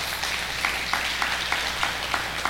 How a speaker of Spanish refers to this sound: Yo no sé cuánto le pueden dar un aplauso fuertemente al Rey de Reyes.